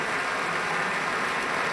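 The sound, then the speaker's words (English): A concert audience applauds Pablo Sanz Viegas after an encore during a broadcast concert by the Pacific Symphony: dense, steady clapping from many hands, a continuous crackling wash of sound at even loudness throughout, with no voices. “Continuing applause for Pablo Sanz Viegas.”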